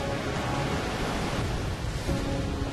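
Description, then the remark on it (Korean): The Khone Phapheng Falls roar with an overwhelming volume of water in a dense, unbroken rush that holds steady and loud for the whole stretch, with no voices or pauses. “압도적인 수량으로 웅장한 자태를 뽐내는 콤파팽 폭포.”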